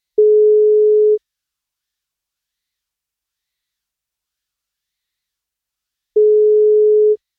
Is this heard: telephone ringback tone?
yes